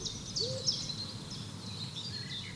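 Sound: owl hooting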